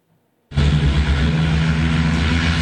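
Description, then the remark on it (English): Loud, steady whirring roar of a locally designed electric vertical takeoff and landing aircraft's (eVTOL) rotors starts abruptly after a half-second of silence and holds constant, with a low droning hum underneath. “Meet the first locally designed electric vertical takeoff and landing aircraft,or eVTOL.”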